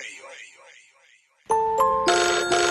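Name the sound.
phone ringtone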